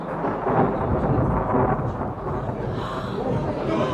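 Deep, loud thunder rolls continuously for several seconds as rain gathers under a big storm cloud, a heavy low rumble with a broad hissing wash over it that stays steady throughout.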